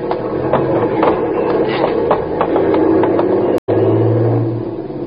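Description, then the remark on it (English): A truck's heavy engine rumbles and revs as it pulls away at a changing traffic light amid steady street traffic noise, loud, with a brief cut in the sound partway through. “That truck there looks okay. Yeah, we're just going to grab onto it.”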